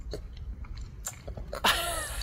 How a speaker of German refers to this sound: Eine gesunde Portion Eisglück aus Früchten schmatzt auch die 1-jährige … in Dresden weg.